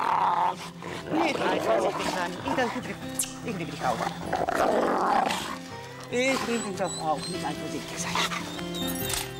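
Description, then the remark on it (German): Several jealous wolves in a pack growl and snarl at each other, a continuous, agitated tangle of rough growls and higher whines, with a person's voice talking over the commotion. “Nur so kann sie die eifersüchtigen Wölfe untereinander in Schach halten.”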